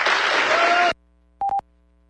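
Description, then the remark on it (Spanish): A short, dense burst of applause for an award for the best municipal practices in drinking water fills the first second, then cuts off abruptly into silence, followed by a brief electronic beep tone. “Felicidades y aplausos,”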